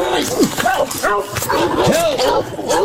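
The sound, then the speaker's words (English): A police dog named Kona barks and yips excitedly in quick, repeated bursts, loud, with raised human voices mixed in over a busy background as police make an arrest. “All right, put the dogs on it.”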